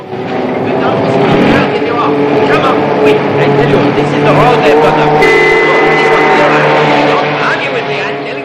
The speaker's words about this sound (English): The pink convertible reappears and pulls up behind the fountain.